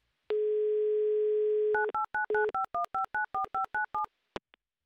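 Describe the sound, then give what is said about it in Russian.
A steady telephone dial tone hums for over a second, then about a dozen quick keypad dialing beeps follow in a brisk, even rhythm as a listener's number in Moscow is dialed, ending with a couple of faint clicks. No one speaks. “Так, набрали номер. Сразу же гудок побежал.”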